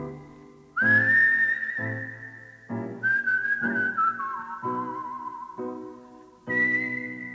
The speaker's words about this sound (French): Et pour commencer, on écoute une version sifflée de ce requiem qu'il s'est composé pour lui-même